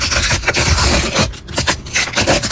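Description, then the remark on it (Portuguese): A small packet of World Cup stickers being torn open: loud, raspy ripping and crinkly paper rustling, dense at first, then breaking into several short scratchy bursts. No voices. “Ah, rasgar o pacotinho e abrir as figurinhas da Copa do Mundo.”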